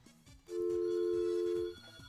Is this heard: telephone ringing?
yes